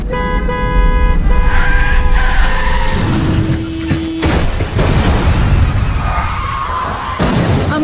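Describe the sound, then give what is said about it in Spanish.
Loud car horns blare over screeching, skidding tires, then a harsh crunching impact of a car crash with scattered debris noise, intense, with no voices. “Ayer tuve un accidente de carro y hoy amanecí con dolor en el cuello.”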